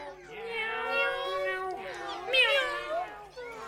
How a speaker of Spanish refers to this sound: Este animal tiene bigotes largos y maulla.